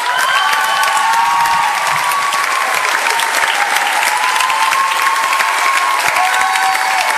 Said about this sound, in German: Kommt gerne heraus. Großen Applaus bitte.